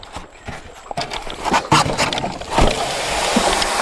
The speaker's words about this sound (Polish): I łódka jest zepchnięta teraz z piasku i płyniemy. Płyniemy do Manicora.